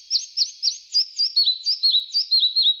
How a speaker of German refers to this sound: Ja, so klang er, der Zwergschnäpper, der Vogel der Woche, auf der Rabeninsel. Schwer zu sehen, weil er ist ja so klein.